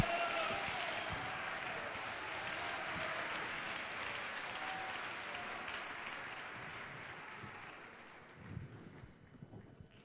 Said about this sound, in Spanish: ¡Un aplauso para el Señor!